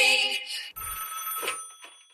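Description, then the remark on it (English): A telephone rings with a bright, tonal electronic warble, followed by a steady humming tone with faint clicks as the call is picked up by an answering machine. “…'s name came up earlier this week in a phone call that we got on the answering machine.”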